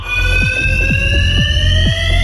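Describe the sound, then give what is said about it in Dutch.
A fire alarm in a parking garage rings continuously at high volume at night, a steady shrill electronic tone with a repeating rhythmic pulse, echoing in the garage, with no voices present; set off by loitering youths locked in after the gates close automatically at 10 pm. “Het brandalarm.”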